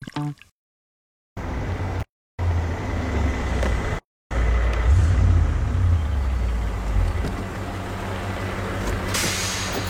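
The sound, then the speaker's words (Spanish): A bus engine rumbles loudly and steadily, low, with brief cuts of silence early on, then a continuous heavy drone and a hiss of air near the end. “Es el autobús que te lleva a casa.”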